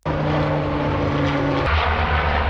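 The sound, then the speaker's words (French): Loud, steady drone of the propeller engines of a Canadair amphibious firefighting plane, able to scoop over 6000 litres of water in seconds, a throbbing hum whose pitch drops suddenly partway through as it keeps roaring without pause. “Les Canadair, ce sont ces appareils amphibies capables de puiser plus de 6000 litres d'eau en quelques secondes.”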